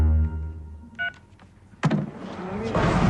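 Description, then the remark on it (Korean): A speakerphone call during a press conference is hung up: a brief electronic beep and a few light clicks, then a sharp clunk, followed by a swelling wash of background noise as reporters and attendees begin to stir. “전화를 끊자 기자들과 회의 참가자들이 바로 모든 걸 알았다는 듯 목석이기 시작한다.”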